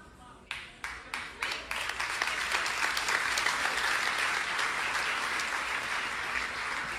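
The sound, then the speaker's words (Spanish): An audience breaks into applause during a sermon: a handful of separate, sharp claps quickly swell into loud, dense, steady clapping that holds to the end without any voices. “Si yo mido el nivel de revelación por la respuesta de los aplausos, el punto no es el aplauso, el punto es que tú tomes una decisión en este día.”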